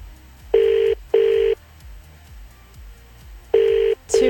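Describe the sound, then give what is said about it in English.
Phone call dialing tones from a Samsung phone sound in steady, paired electronic bursts with a pause between each pair, loud, over a faint ticking background. “Do none of your friends pick up?”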